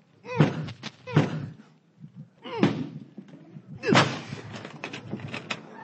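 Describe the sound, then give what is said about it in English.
A door is being forced open with four heavy thuds and slams about a second apart, with strained grunts of effort and a rattling scrape after the last impact. “No door is going to stop me from giving you what you deserve.”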